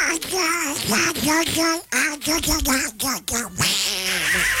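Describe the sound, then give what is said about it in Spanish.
A raspy, nasal cartoon-duck voice quacks and babbles continuously, a human imitation of Donald Duck's voice, loud and fast with brief pauses between bursts. “¿me puedes mandar un mugre chiquillo de la voz de Pato Dolan?”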